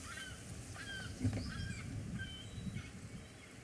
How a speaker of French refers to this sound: Tiens, des goélands.